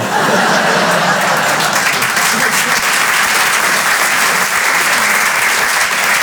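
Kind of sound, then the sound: crowd, audience applause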